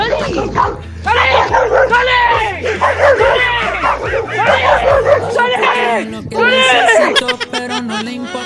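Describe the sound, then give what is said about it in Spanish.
A dog following someone whimpers and yips almost continuously, with high, wavering whines and short barks coming in quick bursts, loud, over a steady low background tone. “El perro me sigue.”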